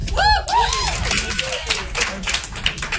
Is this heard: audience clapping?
yes